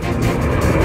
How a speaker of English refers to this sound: That's the sound of the last flight for Spirit Airlines, touching down in Dallas overnight.